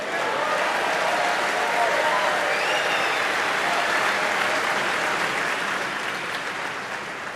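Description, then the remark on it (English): Sustained audience applause for the crew who untangle the cables, a dense, steady wash of clapping from many hands that holds at an even loudness before easing slightly toward the end. “How about a round of applause for the beautiful people that untangle the cables?”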